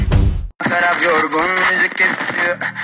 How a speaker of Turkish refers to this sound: Senin de kulaklığından böyle cızırtılar geliyorsa vedalaşma zamanı geldi.